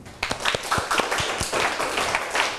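students clapping

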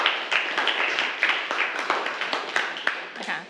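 classroom applause

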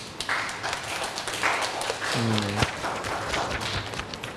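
classroom applause

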